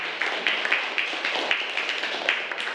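A group of people applauding, a steady, dense patter of many hands clapping at once that runs evenly for the whole few seconds at moderate loudness, with no voices over it.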